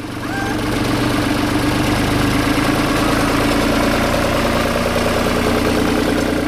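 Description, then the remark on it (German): A tractor drives past during the soundcheck for an outdoor concert at a pond in Lienen, its diesel engine chugging steadily with a low, rumbling drone and constant vibration, loud for several seconds without any voices. “Beim Soundcheck fährt ein Trecker vorbei.”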